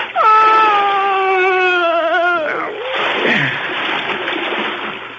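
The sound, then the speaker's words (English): A long, wavering cry cuts off abruptly and is replaced by a heavy splash as two bodies are pushed into dark water, followed by a few seconds of loud churning and sloshing. “I pushed them both into the dark water.”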